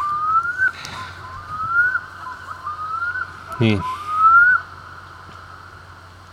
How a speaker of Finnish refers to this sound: Kuikka aloittaa taas.